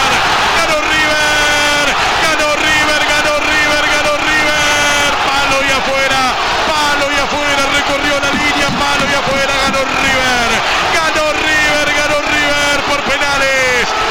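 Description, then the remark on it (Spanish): A packed stadium crowd at the Monumental erupts as River fans celebrate winning a penalty shootout against San Lorenzo after the last penalty hit the post, thousands of voices roaring, shouting and chanting together in a loud, unbroken wall of sound that swells and surges throughout. “Festejo de River en el Monumental.”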